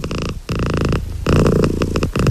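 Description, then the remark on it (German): A cat purrs loudly in steady, rumbling waves, each breath cycle pulsing in and out with brief pauses between, no voices present. “Katzenglück kann man hören.”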